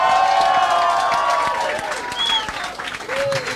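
A crowd applauds steadily and loudly, a dense wash of many hands clapping, with cheers and a couple of high whistles rising above it throughout.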